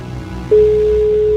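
A steady electronic telephone tone starts abruptly about a third of the way in and holds loud and unbroken to the end, the ringing of an outgoing call to a listener's mobile phone.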